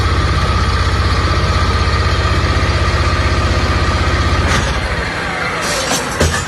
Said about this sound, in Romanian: Cu ajutorul excavatoarelor și utilajelor care au fost aduse aici pe malul Dunării special pentru această operațiune, vedem cum este încărcată și cea de-a patra barjă.